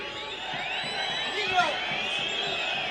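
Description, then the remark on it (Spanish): About 180 football fans supporting León de Nahuel Buta shout and cheer together in a steady, dense roar of many overlapping voices, with a brief swell of louder yelling about halfway through. “Ahí cayó el grito de los cerca de 180”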